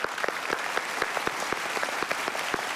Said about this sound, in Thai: 2คนนี้เก่งมากๆแล้วปรบมือให้ตัวเองหน่อยครับ